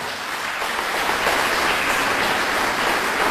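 Sustained applause from a crowd, a dense steady patter of many hands clapping that swells slightly after the first second and continues at an even level, with no voices heard.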